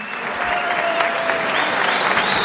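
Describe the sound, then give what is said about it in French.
Loud, sustained applause from a large crowd opening a Te Invito a Cenar Christmas dinner, a dense steady patter of many hands clapping with no pauses, filling the whole moment. “Ces dîners de Noël commencent avec un fort applaudissement.”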